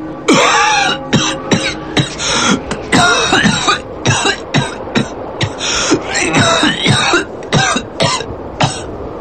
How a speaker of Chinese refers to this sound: 第二天一大早，一阵猛烈的咳嗽声惊醒了小周。